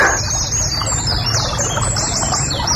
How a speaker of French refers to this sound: Ah, la rivière sous le pont, ça peut le faire, ça. Ah, ça peut être joli comme bruitage. La rivière sous le pont.